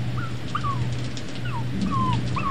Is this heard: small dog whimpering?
yes